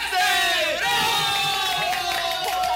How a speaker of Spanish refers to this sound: Niños, aplauden también, porque a no ver.